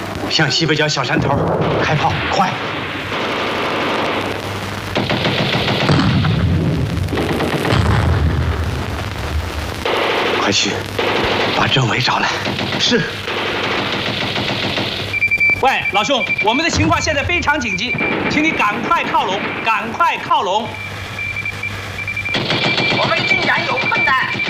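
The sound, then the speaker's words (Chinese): Loud, sustained battle noise of heavy enemy machine-gun bursts and scattered rifle shots holding back an attacking regiment, with heavy booms rolling underneath and voices shouting in Chinese over the steady, chaotic gunfire. “敌人火力太猛，上不去。”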